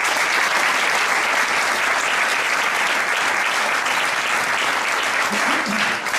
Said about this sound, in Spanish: Un aplauso